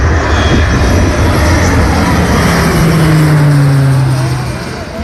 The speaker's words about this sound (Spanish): Los medios aéreos han aprovechado hasta los últimos rayos de sol para realizar descargas. Este es el sonido que dejaba un avión de carga en tierra hace unos minutos.